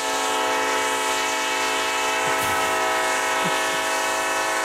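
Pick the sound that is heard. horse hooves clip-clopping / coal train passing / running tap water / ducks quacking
coal train passing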